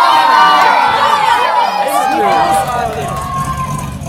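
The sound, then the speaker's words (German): A crowd of excited children cheers and shouts loudly and continuously as a Chevrolet car pulls up, its engine a low rumble beneath the overlapping young voices. “Was ist denn das für ein Auto?”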